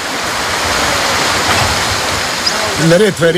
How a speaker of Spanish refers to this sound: Hay muchos manantiales en ambas orillas del Neretva. A este de aquí lo llamamos Cedra, y es algo especial para mí, porque cuando vienes aquí, te sientes como si hubieras entrado en un paraíso tropical. Todo es verde y florece. El agua es potable.